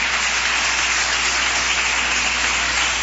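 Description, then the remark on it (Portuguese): A church audience claps together in a dense, steady wash of applause of victory for Jesus that stays loud and even for about three seconds, with no voices heard over it. “E a palavra, o Senhor venha falar mais forte ao teu coração, com palmas de vitória para Jesus.”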